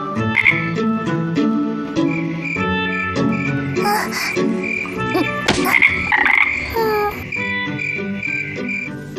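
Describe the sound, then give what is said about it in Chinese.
Little frogs croak in a dense, overlapping chorus of repeated throaty calls, fairly loud, with bright chirping layered on top throughout and no voices. “是小青蛙。”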